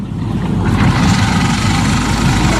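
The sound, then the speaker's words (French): A motor idles steadily, a constant low rumble with a dense, throbbing hum that stays even and loud from start to finish, with no voices. “Ça tourne, la moteur.”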